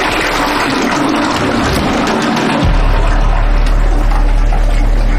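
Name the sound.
toilet flushing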